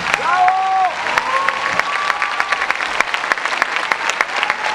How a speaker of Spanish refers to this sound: Antes de comenzar, quiero que le demos un aplauso enorme a esta maravillosa orquesta. Por favor, maestro.